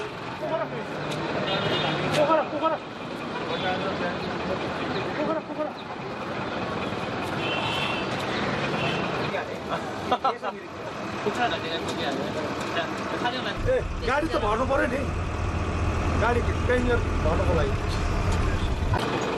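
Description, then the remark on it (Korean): Steady engine and road rumble from inside a moving bus bound for Pokhara that keeps stopping and starting to pick up more passengers, with a deeper low-end surge toward the end as it pulls away again; people chatter throughout over the vehicle noise. “버스는 승객을 더 태우려고 가다 서다를 반복합니다.”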